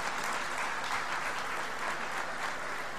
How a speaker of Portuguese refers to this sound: É um dia para marcar no calendário de Macedo Cavaleiros e, por isso, desde já os meus parabéns por esta magnífica feira e uma salva de palmas para todos vocês que a dinamizaram.